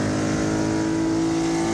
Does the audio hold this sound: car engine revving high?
yes